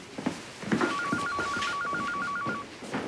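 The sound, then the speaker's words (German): A hospital telephone rings with a rapid warbling electronic trill, a steady alternating two-tone pattern lasting a couple of seconds over a busy background, clear. “Ihr Telefon klingelt.”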